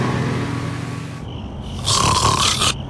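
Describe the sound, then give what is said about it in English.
Loud, rasping snoring from a sleeper: a long rough inhale rumbles low, then a harsher, brighter snore swells toward the end. No one speaks. “Sound familiar? Sleep apnea could be affecting your health.”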